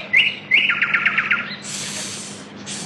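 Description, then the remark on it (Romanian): A nightingale sings: two quick phrases of rapid, repeated bright chirps, then a long, rasping high trill that pauses briefly and starts again. No one talks over it. “Auziți? Cântă privighetoarea.”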